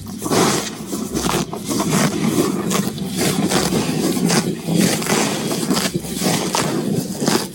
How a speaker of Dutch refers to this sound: Ja, dit is een gretig grazende koe die lekker in het natte gras ligt. Geweldig geluid.